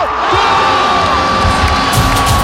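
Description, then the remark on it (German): Football fans cheer loudly and continuously during a World Cup football evening, a dense crowd roar with shouts and whoops rising over it, steady in volume throughout. “So könnte euer Fußballabend bei der WM dieses Jahr klingen.”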